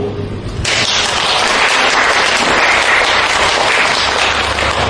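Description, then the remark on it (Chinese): An audience at the Tianqiao Deyunshe theater breaks into applause after a brief quiet start, a dense, steady wash of many hands clapping that holds loud and even for several seconds, at the opening of a solo crosstalk performance. “感谢您的掌声。”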